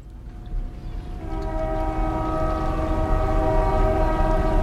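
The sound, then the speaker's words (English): A train rumbles past the railroad bridge in Buzzards Bay on Cape Cod as its horn sounds a long, steady blast that begins softly and swells louder, holding over the heavy rolling noise of the rail cars. “I maintain and operate the railroad bridge in Buzzards Bay.”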